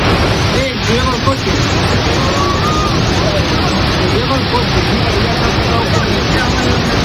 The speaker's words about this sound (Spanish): Sonido de la localidad de Manzanedo de Valdueza, cerca de Ponferrada, donde las fuertes corrientes de agua que han asolado las calles del pueblo arrastraban incluso vehículos.